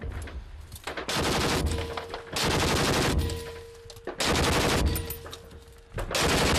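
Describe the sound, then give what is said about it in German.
Long bursts of rapid machine-gun fire, loud and continuous, broken by brief pauses between four sustained volleys, with a dense crackling rattle throughout. “Feuer.”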